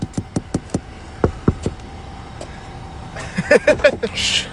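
Someone taps on a car window: a quick burst of five sharp knocks, then a few slower, spaced taps, close and crisp over a low road-like hum, with muffled movement at the end.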